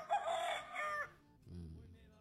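A rooster crows loudly in a single strained call lasting about a second, followed by a quieter, low rumbling sound after a brief pause.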